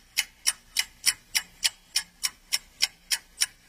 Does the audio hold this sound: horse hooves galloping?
no